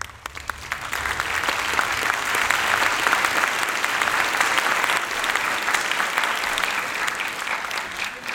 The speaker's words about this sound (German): Dieses Klatschen kann ja manchmal auch ein sehr gutes Mittel sein, um Zeit zu gewinnen, nicht? Auch für mich gerade.